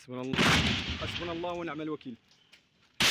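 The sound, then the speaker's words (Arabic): A couple of sharp gunshots ring out at irregular intervals, one early and one at the very end, while voices shout loudly in between. The intermittent gunfire comes during army sweep operations in the towns of Kafriya and al-Fu'ah. “رداً على ذلك، فقد دفع الجيش بتعزيزات عسكرية إلى بلدتي كفرية والفوعة، حيث جرت عمليات التمشيط وسط أصوات إطلاق نار متقطع في خطوة وصفتها المصادر بأنها محاولة لفرض سلطة القانون.”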